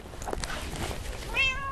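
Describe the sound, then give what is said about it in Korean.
A cat, one of those left in the Bogang-dong redevelopment area waiting for food in an alley, gives a single short, clear meow near the end, over a steady background of outdoor noise with no one talking. “보강동 재개발 지역에 남은 고양이들을 보살피러 가고 있습니다.”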